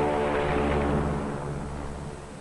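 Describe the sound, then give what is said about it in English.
Loud, steady drone of a PBM flying boat's propeller engines, a dense roaring hum with layered harmonic tones that eases slightly toward the end. No one speaks. “On the water, the great PBM makes her takeoff run.”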